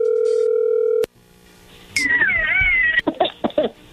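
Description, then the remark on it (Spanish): A loud, steady telephone call tone as a phone call goes through holds one unbroken pitch for about a second, then cuts off abruptly; after a short pause, a cat meows in several wavering cries. “Bueno, a ver, ahí entró la llamada.”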